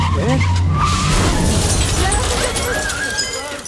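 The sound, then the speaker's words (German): A car's tires skid and squeal loudly, then the car crashes through the glass window of an office: a heavy crash bursts out with a wash of shattering glass that fades slightly toward the end. “Er crasht durch die Glasscheibe eines Büros.”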